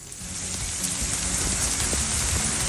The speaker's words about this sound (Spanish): Bueno, bastante lluvia para lo que es Caldera esta tarde.